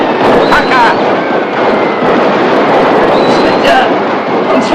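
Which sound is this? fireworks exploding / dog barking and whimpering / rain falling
fireworks exploding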